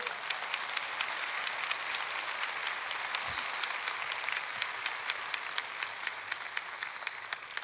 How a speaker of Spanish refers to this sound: Dale un fuerte aplauso a tu papá.